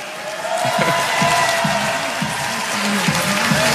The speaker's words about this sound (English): So a cheer here for the home team, the Brooklyn Nets.